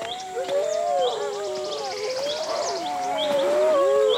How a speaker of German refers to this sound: Graham beobachtet durch sein Fernglas ein Rudel Wölfe, das langsam näher kommt.